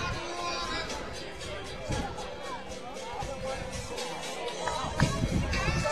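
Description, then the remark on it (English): A dense, steady babble of crowd chatter from a large ballgame audience, many overlapping voices at an even, moderately loud level, with a few brief louder thumps and shouts poking through. “Great crowd on hands.”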